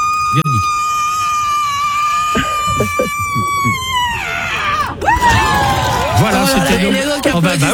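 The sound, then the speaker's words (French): A single piercing, high-pitched scream from the winner of a screaming contest in San Francisco, measured at 121 decibels, held steadily for several seconds, then wavering and breaking apart, with a crowd murmuring and cheering underneath throughout. “La gagnante, je vais vous faire écouter, ne bougez pas, a hurlé à 121 décibels, soit autant qu'un marteau-piqueur.”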